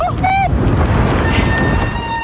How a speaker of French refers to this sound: Ah, le joli son des freins.